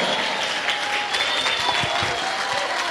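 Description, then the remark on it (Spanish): A standing audience applauds the Lamb (God) steadily, a dense, even wash of clapping hands that stays loud and continuous throughout, with faint tonal whistling or cheering woven through the noise. “Ponte de pie, dale un aplauso al Cordero.”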